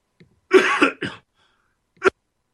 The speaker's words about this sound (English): let me cough here.